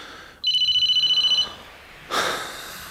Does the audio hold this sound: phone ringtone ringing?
yes